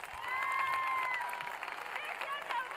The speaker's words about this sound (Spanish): ¡Fuertes los aplausos, por favor!